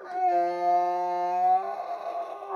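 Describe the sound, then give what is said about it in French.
A donkey named Balthazar, a pet, brays in the morning, struggling to get its call out: one long, steady, buzzy note rich in overtones, which then breaks into a rough, breathy rasp for its last second. “Longtemps, c'était un son qui m'a intéressé, que j'ai enregistré dans plusieurs voyages aussi, parce que c'est toujours assez compliqué de savoir à quel moment va braire l'âne.”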